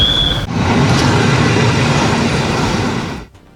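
A train rumbles loudly and steadily for about three seconds, a dense mechanical roar that cuts off and drops away near the end. A brief high whine precedes it.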